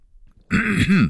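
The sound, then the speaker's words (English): A loud throat clearing, one rough guttural rasp lasting about half a second after a brief quiet moment, with no talking. “Clearing my throat.”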